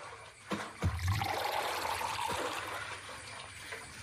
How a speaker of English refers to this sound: So let's fill up this large empty bottle with Zamzam water so Adnan can take a drink after making all of that tawaf. Click on the bucket in the well to fill it with water.